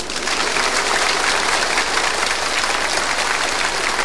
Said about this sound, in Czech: Je to fajn, teď už budou tleskat všemu.